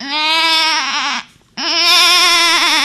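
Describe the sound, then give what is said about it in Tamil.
A schoolchild performing mimicry imitates a goat with two loud, wavering bleats, each about a second long, separated by a brief pause. “ஆடு சத்தம்.”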